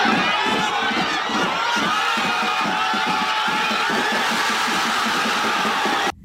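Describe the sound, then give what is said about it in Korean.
A large crowd of football fans in a public square roars and cheers loudly and without letup after Oh Hyeon-gyu scores South Korea's go-ahead goal in the 35th minute of the second half of a World Cup match, voices shouting and whooping together over a steady pulsing rhythm, before the sound cuts off abruptly. “이어 후반전에 교체 투입된 오현규가 후반 35분 역전골까지 성공시키자 광장은 순식간에 환호성으로 뒤덮였습니다.”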